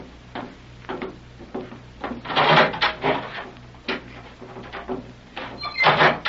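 A heavy steel door grinds and rumbles as it slides open, with scraping bursts swelling around the middle and a loud clank near the end, over a low steady hum.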